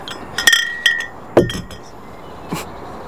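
Glass beer bottles clink together in four irregular knocks as they are set down beside the water, the first two ringing with a bright, high tone before fading; later clinks are duller, with no voices.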